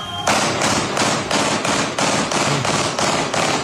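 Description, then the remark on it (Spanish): A rapid, steady string of loud, sharp bangs from fireworks followed by gunshots in the streets of the commune of Quilicura, about two or three per second, harsh, with no voices. “Esos son fuegos artificiales, acompañados luego de disparos.”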